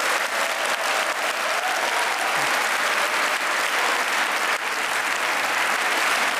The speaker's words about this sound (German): Ich darf das und sage vielen Dank euch für viele tausend schöne Stunden Klassikforum, die ihr gestaltet habt. Ich glaube, dieser Applaus ist für euch.